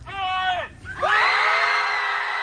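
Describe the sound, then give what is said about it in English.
A group of people at a yelling club gathering in Dallas, Texas, yell together in two long, loud bursts: a short cry that breaks off and then a sustained, ragged shout, voices overlapping. “he wants to keep the club simple. Show up and yell.”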